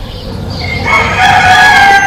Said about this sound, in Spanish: 6 de la mañana. Los gallos, de azas de cesto, en Cantabria, se replican y reafirman tras las tapias de los corrales, estirando el cuello.